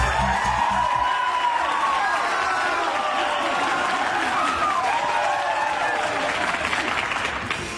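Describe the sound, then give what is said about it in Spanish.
Sustained applause and cheering from a crowd at a live radio broadcast celebrating 20 years on air for listeners in Córdoba, a dense steady wash of clapping with raised voices and whoops rising through it, loud throughout the whole stretch. “Y hoy lo festejamos como se merece, con radio, emoción y aplausos en vivo.”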